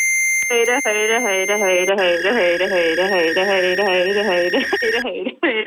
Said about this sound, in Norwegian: og mens du hører den pipelyden, er det veldig viktig at du holder telefonen helt stille, og så må du se rett mot kamera.